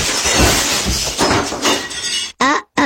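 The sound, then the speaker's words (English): Window glass shatters in a loud crash, shards clattering and tinkling for about two seconds before cutting off, followed by a brief burst of a voice. “I broke the window.”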